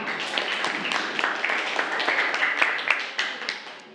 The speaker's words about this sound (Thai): ปรบมือปรบมือเพื่อน